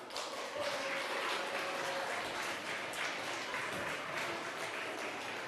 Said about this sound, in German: So, einen herzlichen Applaus.